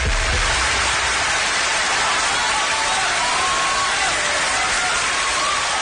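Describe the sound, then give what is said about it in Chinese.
Sustained audience applause for a xiangsheng (crosstalk comedy) performance, 'New Future Has Arrived': a dense steady wash of many hands clapping at an even, fairly loud level throughout, with no individual claps standing out and no voices clearly heard. “谢谢大伙热烈的掌声啊！”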